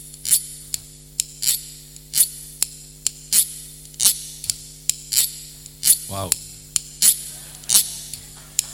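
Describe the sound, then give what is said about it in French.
Metal knives, forks and other cutlery clatter in a kitchen in a steady series of sharp, bright clinks, roughly one every half second, over a low constant hum, fairly loud. “On arrive dans la cuisine, on ouvre le frigo, les placards, et c'est parti pour un grand concert de couteaux, de fourchettes et de couverts en tout genre.”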